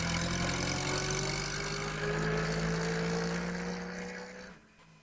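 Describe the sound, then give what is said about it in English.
A post bus engine idles in Alf's farmyard at Thompson Ground with a steady, low rumbling drone, holding at a constant level before abruptly cutting off near the end. No voices are heard. “When the bus stopped in Alf's farmyard, Granny Dryden was asleep.”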